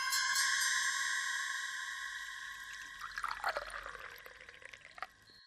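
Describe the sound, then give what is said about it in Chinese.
Water is poured into a cup in a steady stream, its pitch climbing as the vessel fills, ending with a few drips and a faint clink. Clear, no voices. “萧啸天笑了笑，一边倒水一边说，嘿嘿，没准就是同一个人呢。”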